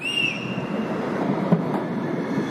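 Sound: tram running on rails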